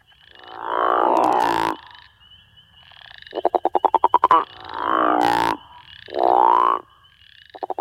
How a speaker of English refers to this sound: The call of the crawfish frog is a deep, resonating, guttural snore that males use to attract females during the breeding season.